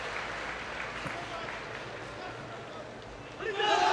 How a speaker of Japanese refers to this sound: 今合図とともにホームプレートを挟んで一列に整列です。甲子園球場からは拍手が送られます。